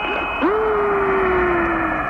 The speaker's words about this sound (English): The conversations that follow the sounds makes it clear they are unlike anything the astronauts have ever heard. That is music, even sounds outer space, doesn't it? Do you hear that? That whistling sound?